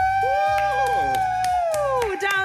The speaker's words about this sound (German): Und jetzt jubeln wir mal für unsere Puzzler.